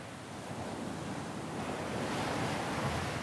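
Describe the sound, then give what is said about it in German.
A strong wind on the Latvian Baltic Sea coast roars steadily with the rush of surf mixed in, a dense, continuous wash of noise that swells slightly louder toward the end, with no voices. “Der Wind weht an diesem Teil der lettischen Ostsee oft heftig.”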